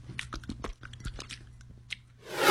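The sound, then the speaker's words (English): A dog, Churchill, licks and smacks at a peanut butter Simpill oral gel treat in a quick run of wet, clicking mouth sounds, with a low steady hum underneath and a louder hiss rising at the end. “How about we use peanut butter Simpill today? Okay, Church. Sit. Now start licking.”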